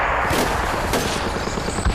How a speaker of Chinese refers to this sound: 听枪声，看来子明已经成功的把日本人吸引到他周围了，小林武艺彻底上当了。